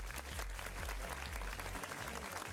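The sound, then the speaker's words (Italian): A dense, steady wash of applause for a DJ on the Club Connection radio show fills the whole clip, loud and unbroken, with a thumping bass line from music running underneath. “Facciamo un applauso a ….”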